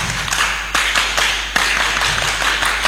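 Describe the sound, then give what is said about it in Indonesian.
A group of Indonesian scouts performs the Pramuka scout clap together in a steady rhythmic pattern, many hands blending into a dense, bright patter with a few sharper accented claps standing out. No one speaks. “Oke, 1, 2, 3 tepuk pramuka.”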